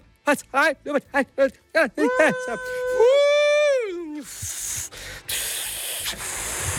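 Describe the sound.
A voice imitates a steam locomotive: a quick run of rhythmic chugging puffs, a long sustained whistle, then a loud, steady breathy hiss of escaping steam lasting a few seconds.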